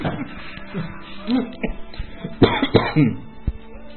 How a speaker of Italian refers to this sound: La tosse.